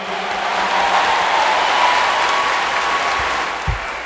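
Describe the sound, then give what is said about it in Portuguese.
A sustained round of audience applause at a religious gathering, given for consecrated lay members: dense and steady clapping from many hands filling the space for several seconds, with no talking over it. “Vamos dar uma salva de palmas a todos esses.”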